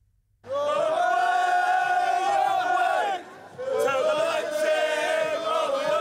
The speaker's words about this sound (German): Kleine Gesangseinlage vor dem übergroßen Conference League-Pokal.